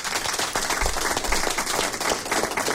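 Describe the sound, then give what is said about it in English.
A steady round of applause sound effect from a crowd, dense overlapping claps sustained at an even level throughout, fairly loud, played on radio station 102.3 HFM for everyone who took part in a quiz round. “Well, I'm happy to say that everybody that took part in the second round of the quiz with no name all got a round of applause.”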